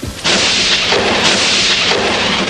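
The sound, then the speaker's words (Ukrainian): A sudden, loud clap of thunder, following a bright flash of lightning, bursts in and rolls on as a heavy, crackling rumble, swelling in a couple of waves without fading. No voices are heard. “Ой, зараз як гримне.”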